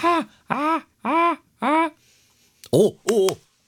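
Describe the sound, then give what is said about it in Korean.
A human voice does a seagull impression in a contest, with six short, nasal, rising-falling calls: four evenly spaced, then a brief pause and two sharper, louder ones. “갈매기가 어떻게 울지? 걔네 약간 이렇게 약간 걔네도 짧게 약간 복식호흡으로 이렇게 뭔가 뱉어내지 않아요?”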